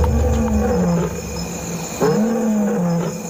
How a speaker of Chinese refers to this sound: 在非洲大草原，太阳开始落山了。由一只雄狮爸爸和九只母狮组成的狮群开始咆哮。天哪，来势汹汹，达到了114分贝，几乎和大型喷气式飞机的发动机一样响亮。8公里外都可以听到震耳欲聋的吼声。